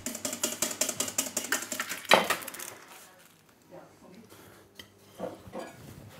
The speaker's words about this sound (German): Und schlägt und schlägt die Hollandaise.